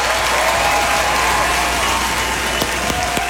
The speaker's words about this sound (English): Yes. Yeah, let's applaud that.